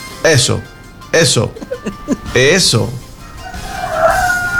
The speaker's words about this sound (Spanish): Ah, como canta el gallo. Súbale todo el volumen, por favor.